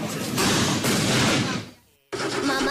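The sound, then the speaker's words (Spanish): Fireworks exploding at the international fireworks competition in Donostia, in a loud, dense barrage of crackling bangs that fades briefly to near silence, then bursts back in with more booming and whistling crackle. “patrocinador oficial del concurso internacional de fuegos artificiales de Donostia.”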